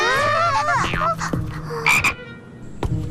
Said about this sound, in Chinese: 你吓不到我，青蛙是益虫，我可不怕。